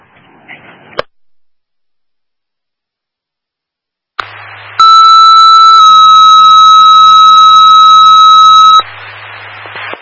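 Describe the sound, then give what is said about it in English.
Bursts of dispatch radio static give way to a loud, steady electronic test tone for Truck 2 that steps to a second pitch after a second and holds for several seconds before the static hiss returns. “Truck 2 with test your tones, truck 2 with test your tones.”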